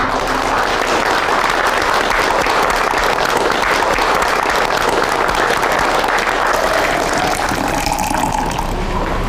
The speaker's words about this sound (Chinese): 没想到啊，没想到啊，让我们为曹公这种大公无私的精神鼓掌。